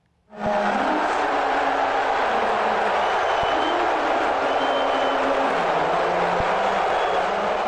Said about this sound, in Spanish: El presidente Trump recibió abucheos al asistir al tercer juego de la final de la NBA ayer en Nueva York.